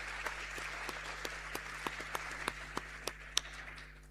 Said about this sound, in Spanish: De Puerto Montt, La Paloma, Nuestra Señora de Guadalupe. ¿Dónde está ahí el centro? Un aplauso igual.